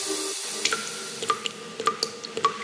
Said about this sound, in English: The tap's dripping and you're leaving it because you can't afford a plumber's crazy call-out fee.